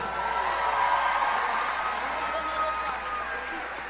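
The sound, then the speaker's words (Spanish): A crowd at the 31st Catholic Book Fair applauds for Jesus Christ, a dense, continuous wash of many hands clapping at even loudness for about four seconds, with a few faint cheers mixed in. “Un aplauso para Jesucristo.”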